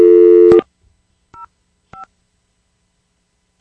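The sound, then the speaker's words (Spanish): A loud, steady telephone ringing tone on the line of an unanswered call, left to ring to the end, cuts off abruptly, then three short electronic beeps follow at uneven intervals against silence. No one speaks. “Lo siento mucho, dejamos que ese teléfono sonara hasta el final y mire que no nos contestó.”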